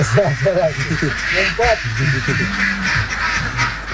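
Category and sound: animal, ducks quacking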